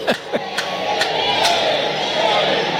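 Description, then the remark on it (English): A stadium crowd at Baum Walker during an Arkansas baseball game against the Rebels chants the Woo Pig Sooie hog call, a few sharp rising whoops at the start swelling into a loud, sustained roar of many voices from the stands. “Little Wu-Pig Suey in the stands.”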